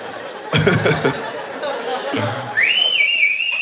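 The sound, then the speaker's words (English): After a moment of laughter and chatter, someone lets out a loud, piercing whistle that holds a shrill pitch with a slight waver, ringing out clear until the end. “That's the kind of whistle where if you're next to that guy at the ballpark, you're like, this fucking asshole”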